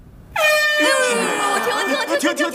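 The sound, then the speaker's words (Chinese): A trumpet blares out suddenly and loudly, holding one harsh brassy note for about two seconds before it wobbles and breaks up unsteadily at the end. “你这个喇叭又是从哪来的？”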